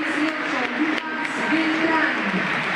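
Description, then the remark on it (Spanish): A large football stadium crowd applauds and cheers in a dense, steady wash of noise that holds at an even loudness for a few seconds, voices blending into the roar, as players such as world champion Ángel Correa are announced. “Aplausos.”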